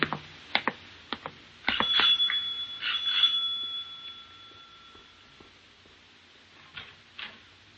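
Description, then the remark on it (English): A front doorbell rings with a bright, sustained metallic tone that slowly fades, preceded by a few sharp knocks or clicks, with faint bumps afterward and no voices. “I thought I'd take a walk to Hyde Park and was leaving my room to go downstairs when the front doorbell rang.”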